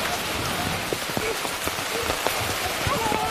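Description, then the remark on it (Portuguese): Steady rain falls, a dense hiss with scattered sharper drops pattering on a surface, continuous and fairly loud throughout. “A chuva é muito importante para as plantas.”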